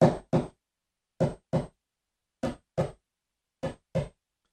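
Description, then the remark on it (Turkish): A human heart beating: four double beats in a steady lub-dub rhythm, each pair of dull, thumping knocks followed by a pause, with nothing else around them. “Kalbiniz atıyor.”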